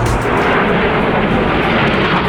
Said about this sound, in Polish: Wielozadaniowe maszyny przeleciały wcześniej nad naszym krajem od Gdańska przez Warszawę, Łódź i Kraków. Oto wrażenia widzów zebranych pod Wawelem.